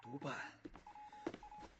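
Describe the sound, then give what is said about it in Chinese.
A steady electronic telephone tone sounds in two short bursts, fairly faint, a call from the superintendent for the bureau chief, after a brief moment of muffled voices and some clatter. “局长，督办电话。”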